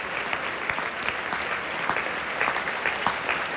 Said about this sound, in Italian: E adesso l'intero cast dei solisti si avvicina al palcoscenico per prendere gli applausi, si stanno inchinando.